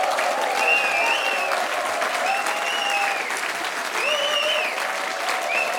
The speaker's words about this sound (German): Wow, was für ein toller Applaus